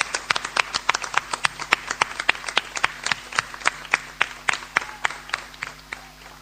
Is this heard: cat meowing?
no